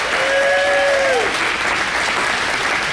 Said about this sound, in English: Let's give everybody a round of applause and we'll get started.